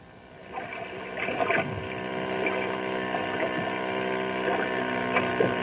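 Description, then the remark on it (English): Motorboats, called water hot rods, speed across Beaver Lake, a clear lake ringed by mountain ranges. Their engines make a loud, steady, buzzing drone that swells in after a brief quiet start and holds on with slight wavering pitch. No voices. “Water hot rods.”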